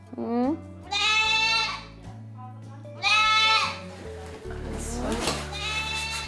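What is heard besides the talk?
child crying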